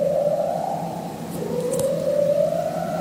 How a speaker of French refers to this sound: Ça, c'est un léopard de mer. Un prédateur de l'Antarctique qui produit des séquences longues, répétées, presque hypnotiques. Les scientifiques parlent d'un chant structuré, une forme de berceuse sous la glace.